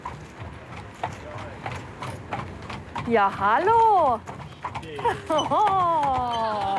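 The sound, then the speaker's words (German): Horses' hooves clip-clop in a steady, rhythmic beat as they pull a carriage across a pedestrian and cycle bridge in Germany, while people greet each other and chat over the hoofbeats in the second half. “Oh, Mensch, was für tolle Pferde!”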